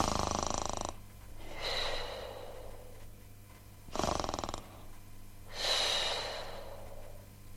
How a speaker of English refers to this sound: Four bears were tucked up in Alice's bed, and the four bears were snoring.